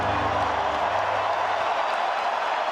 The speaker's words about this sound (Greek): Από τις εξέδρες ακούστηκαν αρχικά έντονες αποδοκιμασίες από μερίδα δυσαρεστημένων φιλάθλων, ωστόσο όσο πλησίαζε στο τέλος του, το κλίμα άλλαξε με το γήπεδο να σπάει από θερμό χειροκρότημα.